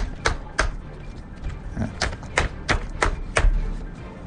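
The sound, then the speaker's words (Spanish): Printed paper script sheets being arranged and straightened on air, heard as about eight crisp knocks of the stack against a hard surface at an uneven pace, with soft rustling between them and no talking. “Y entonces yo tengo la costumbre siempre, de toda la vida que me he dedicado a esto, es acomodar las hojas.”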